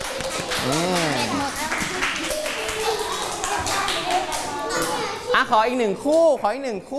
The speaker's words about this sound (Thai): มาตบมือให้เพื่อนหน่อยครับ